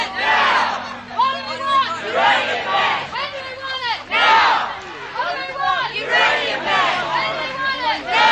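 Protesters who have formed a circle around a high-security area at a mine site chant together while moving around, most holding balloons and banners; many voices shout in loud, rhythmic surges that rise and fall without pause for the full stretch, with no single speaker standing out.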